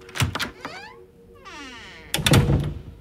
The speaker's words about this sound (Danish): en helt almindelig septemberdag i 2007 på en skole i midten af Oslo. Pludselig så banker det på klasseromsdøra.